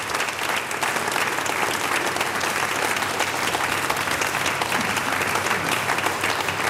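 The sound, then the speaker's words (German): Sustained applause from an audience at a Kultursommer event in Voitsberg, a dense steady clatter of many hands clapping throughout, fairly loud and even with no voices standing out. “Und du bekommst noch meinen großen Applaus vom Kultur- und Stadtmarketing in Voitsberg.”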